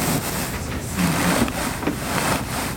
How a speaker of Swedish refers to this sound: För att få till exempel fåtöljdynor som håller formen länge blandar hon ullen som stoppas in i dynorna med kokosfiber, ett annat naturmaterial. Den här dynan som vi hör här som nästan knastrar.